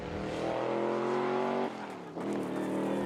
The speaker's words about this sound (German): Was er damit meint, zeigt er mir auf einer kleinen Spritztour. Einmal richtig Gas geben.